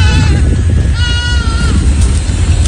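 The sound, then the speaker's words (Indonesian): Goats, dozens of them roaming and feeding on garbage piles in Kalibaru, Cilincing, North Jakarta, bleat in a couple of drawn-out, wavering calls over a steady, loud low rumble of outdoor background noise. “Petugas Suku Dinas Ketahanan Pangan Kelautan Pertanian KPKP menyoroti puluhan kambing yang berkeliaran dan mencari makan di tumpukan sampah di kawasan Kalibaru Cilincing, Jakarta Utara.”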